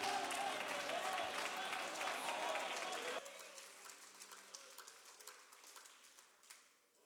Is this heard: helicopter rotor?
no